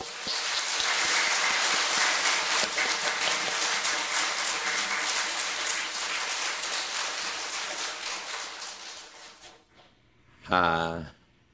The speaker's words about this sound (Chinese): 首先呢，我们在热烈的掌声来欢迎。